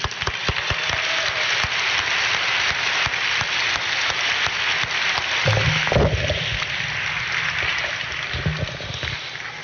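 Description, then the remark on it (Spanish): Sustained, loud applause from a worship audience clapping for the Lord, a dense wash of clapping that stays steady for nearly ten seconds, with a few sharper claps and a low rumble underneath. “Un fuerte aplauso para el Señor.”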